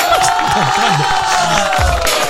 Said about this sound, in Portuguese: Uma salva de palmas para Ricardo Machado.